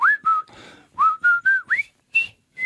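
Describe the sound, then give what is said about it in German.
A person whistles the melody of a famous whistling song, a quick run of clear, bright notes, some sliding upward into pitch, with short breaths between phrases and no talking. “Ja, das war doch das Pfeiflied schlechthin, oder?”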